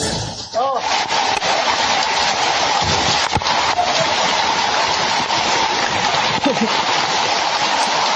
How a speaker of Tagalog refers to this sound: Oh, sus, grabe yung tubig. Nasunan ka na, o nga, abot sa abaga. Ha? Abot sa abaga ang tubig sa dagkong tao.